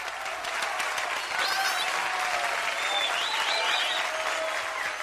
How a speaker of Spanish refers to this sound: Ah, tú también quieres un aplauso. Bueno, el aplauso para el gatito.